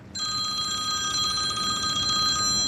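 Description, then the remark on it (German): A telephone bell rings continuously with a rapid, trilling pulse, loud, over a faint background rumble; no one speaks. It is the phone of a roll-turf producer at his turf field near Wünnewil, canton of Fribourg, Switzerland. “Fast gäng läutet sein Telefon.”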